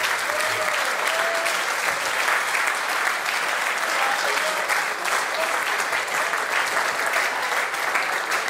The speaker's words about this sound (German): Der Applaus will nicht enden. Standing Ovations für dich,